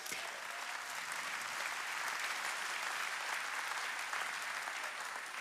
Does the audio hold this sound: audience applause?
yes